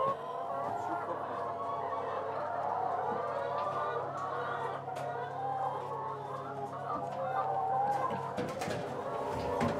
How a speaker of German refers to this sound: Auf einer Wiese in Holtland steht sein mobiler Hühnerstall. 300 Freilandhühner legen dort jeden Tag etwa 270 Eier